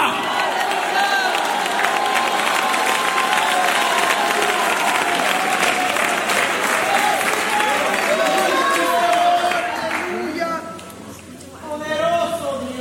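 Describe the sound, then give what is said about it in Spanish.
An audience raises hands, claps and cheers in praise, a dense, loud wash of applause mixed with shouting voices that holds steady, then thins as a few raised voices carry on at the end. “Alguien puede levantar las manos y hacer un ruido de alabanza.”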